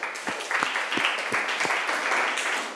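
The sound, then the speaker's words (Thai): A classroom of students claps together in a steady burst of applause for a student representative about to answer a question, dense and fairly loud throughout, with a few sharper individual claps standing out near the start. “มีตัวแทนนักเรียนพร้อมที่จะตอบคำถามนี้แล้วนะคะขอเสียงปรบมือให้ตัวแทนนักเรียนหน่อยค่ะ”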